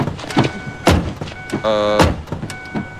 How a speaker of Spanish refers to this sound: ¡Un puto auto que abre las puertas así! ¡No así! ¡Ni tampoco así! ¡Estas no son las puertas de un multimillonario